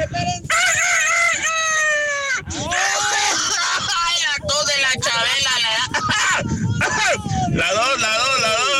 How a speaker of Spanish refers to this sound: Es un gallo tartamudo. No manches, gallo tartamudo.